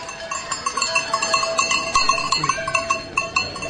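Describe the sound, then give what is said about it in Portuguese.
Many cowbells clank and jingle in an irregular, overlapping patter as a herd of about 60 to 70 cows is brought from Rio Caldo up to the Serra do Gerês for summer pasture in the traditional Vezeira, the bells ringing steadily throughout, with no talking. “Trazemos as vacas para levar para a serra.”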